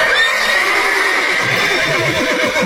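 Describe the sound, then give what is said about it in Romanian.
A horse whinnies loudly and at length, its shrill, wavering neigh filling the whole moment, with a faint low rumble underneath and no one speaking. “Claus cel Mic se bucura și se gândea ce bine-i că are cinci cai la plug. Cinci cai!”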